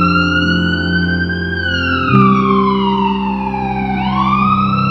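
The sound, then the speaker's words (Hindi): An ambulance siren wails loudly, its pitch sliding slowly up and down, over a steady low engine rumble, with no voices. “पर पहुंचने से पहले ही वो एम्बुलेंस को कॉल कर चुका था।”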